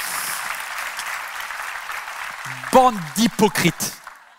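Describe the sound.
A crowd claps in a steady, dense patter that gradually thins out, then a man's voice takes over, speaking loudly and emphatically as the applause fades beneath him.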